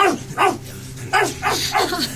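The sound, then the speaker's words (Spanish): A dog barks loudly, five sharp barks spaced in an uneven rhythm over a low steady background hum, scaring people away inside a crowded church. “Nuestro perro listo acaba de espantar a algunos y ya tenemos dónde quedarnos.”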